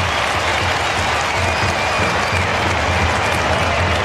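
A large stadium crowd roars and applauds after a Carlton goal in a football match between the Suns and Carlton, a dense, sustained wall of noise, loud and steady throughout with no individual voices standing out.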